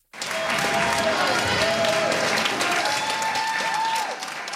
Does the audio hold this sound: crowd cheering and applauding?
yes